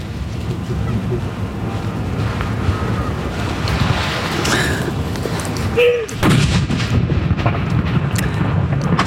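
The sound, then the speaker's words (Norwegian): A ceremonial mourning cannon salute fires at Akershus Fortress, one heavy boom bursting out over steady wind rumble about two-thirds of the way through, with faint voices from a crowd of people standing and filming. “Ja, det smeller bra her på Akershus festning nå, og det står en haug med folk her og filmer.”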